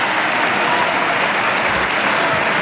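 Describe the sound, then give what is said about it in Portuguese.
Sustained applause in parliament from the government-supporting parties PSD and CDS, a dense steady wash of many hands clapping at even loudness throughout, with no voices standing out. “Aplausos dos partidos que suportam o governo, PSD e CDS.”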